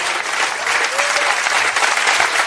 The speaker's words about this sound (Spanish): ¿Alguien tiene un gloria a Dios esta tarde? Déselo fuerte ese aplauso si es para el Señor.